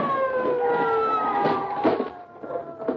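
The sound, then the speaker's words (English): A police car siren wails loudly as the car stops in front of a house, its steady tone sliding downward in pitch as if winding down, with a few rumbling bursts of noise underneath. “Police car stopped in front of the house.”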